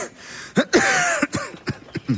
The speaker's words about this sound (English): I heard you coughing all night.